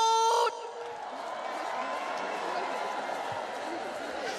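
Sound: crowd cheering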